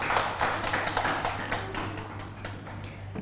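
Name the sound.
classroom clapping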